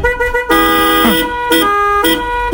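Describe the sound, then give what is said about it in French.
Several car horns blare together in a sustained, harmonically rich chord as part of a car-horn symphony, with short pauses and renewed blasts roughly every half second, loud, no talking. “Et dans cette symphonie, c'est simple, suffit juste de jouer avec ton klaxon, okay, de faire bouger tes essuie-glaces pour qu'ils couinent un petit peu, et puis s'amuser avec les portières de la voiture.”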